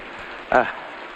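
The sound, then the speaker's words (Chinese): Heavy rain pours in a steady, even hiss throughout, with a brief vocal sound from a person breaking in about halfway through. “爷爷，下这么大的雨，你怎么又回来了？”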